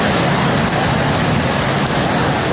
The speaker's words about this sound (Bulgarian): Невижданите 80 литра на квадратен метър се изляха над Велико Търновско. Отнесени бяха автомобили в речните корита и буквално цели улици в старата столица.